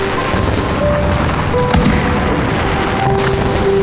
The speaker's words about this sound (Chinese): 云之阁，这烟花是从哪儿放的呀？